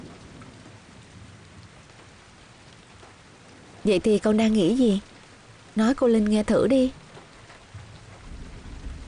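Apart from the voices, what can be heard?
rain falling outside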